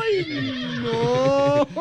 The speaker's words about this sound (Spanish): Él quiere que el caballo le relinche, sí, señor.